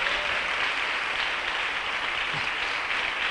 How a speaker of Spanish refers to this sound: Dele un aplauso al Señor, aleluya.